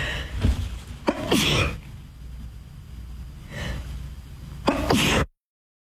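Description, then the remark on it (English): A person sneezes several times in a row, each sharp, breathy burst loud, separated by brief pauses with quiet breathing in between. “Why do sneezes come in twos and threes?”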